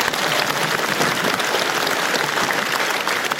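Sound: studio audience applause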